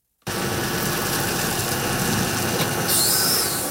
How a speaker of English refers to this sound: The Israeli-Gaza border last week. Heavy trucks hauling supplies and military equipment into a large area closed off by barbed wire. It's a staging area under construction for an international stabilization force